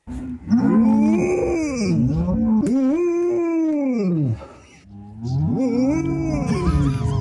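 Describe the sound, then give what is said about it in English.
A golden retriever named Lucy gives long, drawn-out woo-like howls that rise and fall in pitch, mooing like cows along with a herd of cows outside while on holiday. The calls are loud, with a brief pause before the last one. “a very cheeky golden retriever, and she is very noisy and likes to woo or moo like cows, and she made it to the news this week because of that.”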